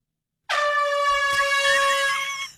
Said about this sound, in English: And then in December, he went outside of his bedroom window in the middle of the night and blared an air horn.